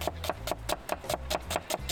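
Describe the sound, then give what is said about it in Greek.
A forged chef's knife slices a potato on a cutting board in quick, steady strokes, about ten crisp knocks in two seconds, with no talking. “Το μαχαίρι του σεφ, φορζέ. Δείτε, φέτες.”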